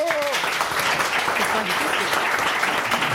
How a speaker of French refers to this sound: Et c'est une bonne réponse de notre invité, on l'applaudit.